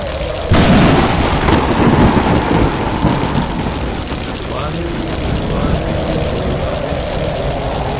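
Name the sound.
storm thunder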